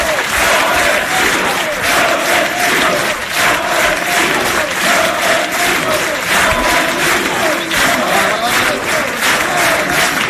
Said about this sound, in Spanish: Aplauso de Ronaldo, de Roberto Carlos, en el escenario, mientras Florentino saluda.